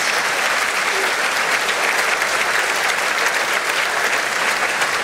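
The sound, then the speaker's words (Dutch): Sustained applause from a large concert hall audience as Princess Astrid, her husband the archduke and their two youngest daughters arrive in the royal box, a dense, even wash of clapping that stays steady and loud for the whole five seconds with no voices standing out. “Dat is het 2e applaus dat we nu horen.”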